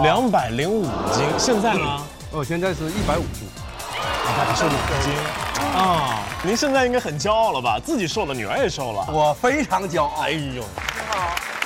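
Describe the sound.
Audience applause and scattered cheering rise under steady talk, the clapping a dense patter that swells in short bursts while several voices keep speaking over it.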